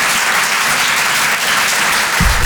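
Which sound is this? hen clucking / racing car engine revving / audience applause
audience applause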